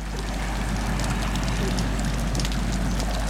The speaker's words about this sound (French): J'entends le ressac. Comment on appelle ça, le bruit des vagues de ressac. C'est comment? Ben c'est régulier, ça calme un peu. Là, faudrait... Par contre là, il y a eu une grosse vague, c'est un peu plus fort.